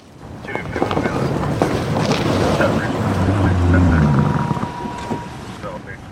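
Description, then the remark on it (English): A squad car rolls slowly down the city's bike path in the center of town during the annual homeless count. Its low engine hum and tire rumble swell to a peak near the middle, then ease off, with steady wind noise throughout. “A squad car rolls down the city's bike path in the center of town during the annual homeless count.”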